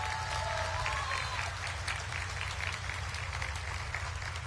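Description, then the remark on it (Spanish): A large audience applauds steadily for Juan Antonio González Fuentes, rector of the Universidad de Oriental, in Oriental, Puebla: a dense wash of many hands clapping for several seconds at an even, sustained level, with a low hum beneath it. “Un fuerte aplauso para nuestro rector.”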